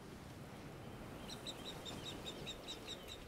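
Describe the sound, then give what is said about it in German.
A mother bird calls repeatedly from above while her marsh harrier chicks are being ringed, a rapid series of sharp, high-pitched cries over a steady outdoor background hiss. The calls start partway in and keep a quick, even rhythm. “Hört ihr? Das Schreien. Die Mutter ist da oben.”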